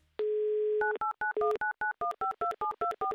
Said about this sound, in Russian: Номер телефона оперативно и быстро набран. Ждем, когда произойдет соединение, когда мы услышим те самые заветные гудки, которые нас приведут уже непосредственно в Ижевск.